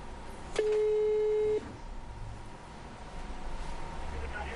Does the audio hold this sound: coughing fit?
no